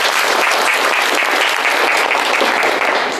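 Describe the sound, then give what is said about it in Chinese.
Steady applause from a group of students fills the whole stretch, dense and even, a continuous patter of many hands clapping with no voices on top, welcoming two construction workers to a class. “其实啊，在我们今天的课堂上呢，还有两位工友师傅共同来参与交流学习，大家掌声欢迎一下吧。”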